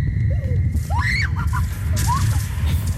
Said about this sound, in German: Also wenn die Rutsche sie schon zum Schreien bringt, das ist ja noch wahrscheinlich das harmloseste am Skyloop.